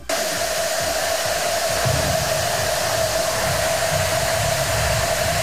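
41,819 cowbells ring at once in Starkville, a world-record ringing by Mississippi State Bulldogs fans, merging into a loud, steady metallic roar with a sustained ringing tone. No single clank stands out, and no one speaks.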